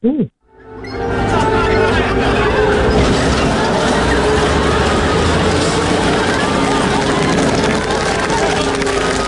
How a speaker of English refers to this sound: what we just heard was the sound of Mr. Bean's beautiful yellow car being crushed by a tank.